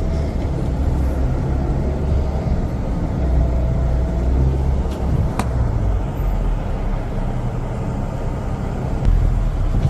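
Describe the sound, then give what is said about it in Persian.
A steady low rumble of idling car engines in a long fuel queue at the Pasdaran petrol station fills the scene, constant, with faint traffic hum and a few brief clicks over ten seconds; no one speaks. “صف پمپ بنزین پاسداران، مطمئنم تا چهارا پاسداران همینطور ادامه داره، چون صبح هم همین وضعیت بود. این صف همچنان ادامه داره.”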